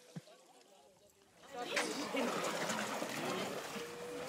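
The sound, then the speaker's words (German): Dogs splash about in the water of a public swimming pool in warm weather, a steady churning and splattering that swells in after a quieter opening second and keeps going, with indistinct voices in the background. “man ist es gewohnt, im Schwimmbad nass zu werden”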